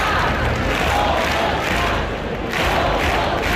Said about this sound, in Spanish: El grito de Somos Más, unas 2.500 personas, según la policía, han abarrotado la plaza del Ayuntamiento obetense para exigir la dimisión del alcalde